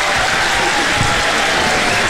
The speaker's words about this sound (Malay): Okey, kita bagi tepuk tangan dulu lah. Okey.